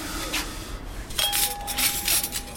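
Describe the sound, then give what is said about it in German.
Light clinks and soft scraping of gold-rimmed dishes and mismatched cutlery being laid out by a staff member setting the tables in the dining room of the Norms restaurant, with a sustained ringing tone after one glassy strike and a few brighter chinks following. “Im Gastraum deckt einer der Mitarbeiter gerade die Tische ein.”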